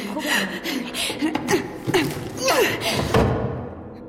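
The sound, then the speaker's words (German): A drawer is pulled open and rummaged through in search of a deposit slip, with uneven thumps, knocks and rustling of objects being shuffled around, while soft chuckling and voices sound in the background. “Wir finden es vermutlich in dieser Schublade.”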